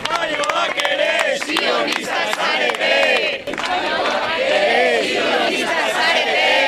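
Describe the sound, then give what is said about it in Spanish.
Several dozen supporters of a flotilla shout chants together at the end of a declaration read in Basque by the flotilla's spokespeople, many voices rising and falling in loud, rhythmic bursts, with scattered claps and cries mixed into the steady roar. “Con estos gritos ha acabado una declaración leída íntegramente en euskera por los portavoces de la flotilla, arropados por varias decenas de simpatizantes”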